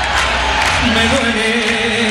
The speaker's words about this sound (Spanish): Más fuerte esas palmas, vamos, la gente del final, a ver, vamos todos.